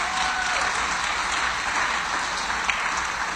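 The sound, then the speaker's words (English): A church audience claps steadily and loudly together, giving the Lord a hand clap of praise: a dense wash of many hands applauding without pause for several seconds, with no speech over it. “Come on, give the Lord a hand clap of praise in the house and let me.”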